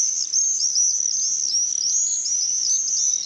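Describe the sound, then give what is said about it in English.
Common swifts screeching: a continuous, shrill chorus of high-pitched screams, several birds overlapping in rapid repeated calls, fairly loud and unbroken, with no voices. “They're really the sound of the summer, and you hear them screeching over your house, even if you live in a city like I did.”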